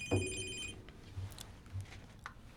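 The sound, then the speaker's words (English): A telephone rings with a bright electronic trill, an incoming call during a radio broadcast, sounding once near the start and then fading, leaving soft background noise and faint scattered clicks. “oh my gosh, we're getting another phone call.”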